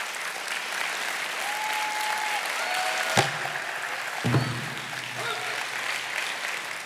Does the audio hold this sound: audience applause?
yes